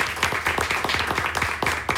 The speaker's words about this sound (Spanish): Muy pocas veces se aplaude uno mismo, ¿no? Pero aquí tenemos que hacerlo, pues, otra vez, aplauso, pues, para las señoras de la gaita.